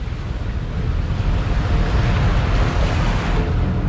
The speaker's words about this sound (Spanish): Mientras Torben y su equipo instalan los laboratorios, el barco se hace a alta mar durante 4 días.